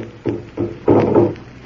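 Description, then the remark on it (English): A drum thumps in a slow, steady beat, about four deep hits, each one swelling louder than the last, with no voices over it. “The drum. It's getting louder. Listen to it.”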